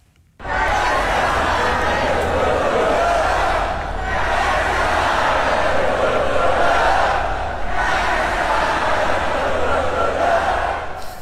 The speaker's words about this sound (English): just listen to the crowd while Max was on the podium